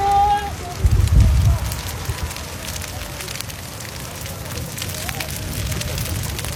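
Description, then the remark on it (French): A pine forest fire in Gironde, France, flaring up again after being calm, roars steadily, full of sharp crackles and pops, with a heavy low rumbling surge near the start and a dense hiss throughout. “Mais là, la forêt de pins est littéralement en train de s'embraser.”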